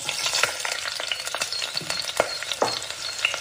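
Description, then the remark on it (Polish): Cucumbers briefly stir-frying with garlic, ginger and soy sauce in a hot wok, a steady crackling sizzle with sharp clinks and scrapes of a spatula tossing the food every so often. “Krótko podsmażone w woku z czosnkiem, imbirem i sosem sojowym zachowują chrupkość, ale zyskują zupełnie nowy smak.”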